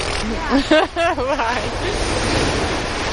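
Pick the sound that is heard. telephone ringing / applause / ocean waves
ocean waves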